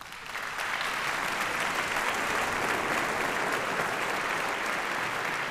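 A public concert audience in Frankfurt applauds steadily on 15 May after Handel's Concerto Grosso Op. 6 No. 1, played by strings of the Frankfurt Radio Symphony Orchestra under Ton Koopman; a dense wash of many hands clapping that swells in within the first half-second and holds at an even level, no voices standing out.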